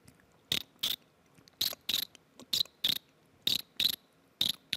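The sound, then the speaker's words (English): Someone grinds their teeth, using only the friction of the teeth without mouth pressure or sucking in, making a cricket-like chirp: short scratchy bursts in pairs, repeated steadily with quiet gaps between, and no talking. “It's like a cricket sound, oh, you know?”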